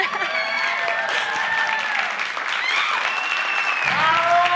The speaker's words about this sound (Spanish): ¡Aplausos!